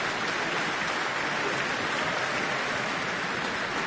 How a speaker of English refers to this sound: Cheers from the audience, who have been delighted by the performance this evening. And that brings us to the conclusion of this concert, Mozart 40.